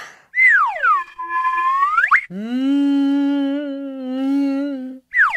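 A karma whistle (Karma-Pfeife) sounds a swooping tone that drops and climbs back up, then holds a lower, reedy note with a slight waver for several seconds before another tone starts.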